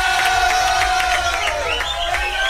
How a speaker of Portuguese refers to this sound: Palmas para o Cícero Pompeu de Toledo.